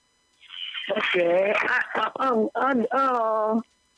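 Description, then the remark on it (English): A radio plays over a tinny phone line, its narrow, muffled sound carrying a warbling, voice-like tone that runs steadily for about three seconds with brief dips before cutting off. “You're close to your radio set.”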